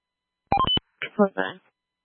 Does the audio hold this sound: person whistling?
no